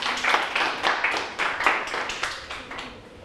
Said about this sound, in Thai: ปรบมือให้ตัวแทนหน่อยครับขอบคุณครับ